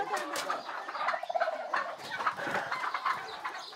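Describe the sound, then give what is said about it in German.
A flock of turkeys gobbles in rapid, overlapping bursts while chickens cluck underneath, a dense and busy barnyard chorus at moderate volume with no pauses; the poultry is kept by a community of sisters for eggs and meat. “Die Eier, auch die Puten und Hühner, wandern nach einem erfüllten Federviehleben in den Topf der Schwestern.”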